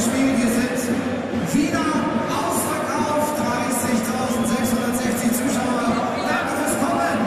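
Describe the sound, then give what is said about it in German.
A stadium public-address voice booms an attendance announcement during a football match involving Augsburg, echoing across the ground over a steady, dense murmur of the crowd that continues throughout. “Zuschauerzahl wird durchgegeben.”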